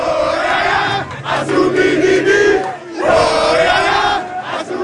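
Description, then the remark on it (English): Loud Congolese football fans cheer and sing together in the street after the Leopards score their first goal in World Cup history, a dense roaring chant that surges in two long swells with a brief dip between them. “In the joyous mayhem, fans burst into spontaneous song and pour out onto the street.”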